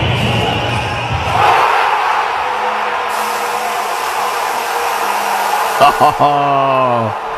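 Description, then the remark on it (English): A large crowd roars and cheers in celebration of a win, a loud, continuous wash of screaming voices, with a few sustained shouts rising above the din near the end. “Across the entire country, screaming, cheering, all of us in unison across this great country, the best country in the world.”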